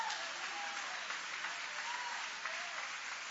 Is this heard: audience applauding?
yes